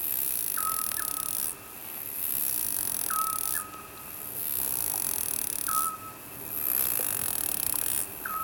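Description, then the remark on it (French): A steady, shrill buzz of small insects fills the still, quiet air, dropping out briefly every couple of seconds, while a short, soft whistled bird call repeats three times in the background. “Tellement transparent que les petits bruits des insectes paraissent énormes.”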